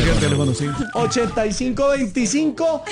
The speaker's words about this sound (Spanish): Otra llamada. No. Este es el teléfono.